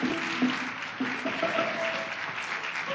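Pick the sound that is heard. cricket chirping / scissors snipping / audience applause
audience applause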